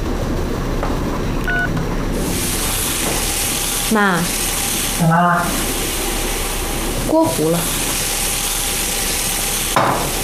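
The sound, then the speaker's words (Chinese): Fish frying and burning in a pan, a steady crackling sizzle running the whole time, with a few brief voices breaking in over the hiss. “锅糊了。 哎呀，鱼糊了。”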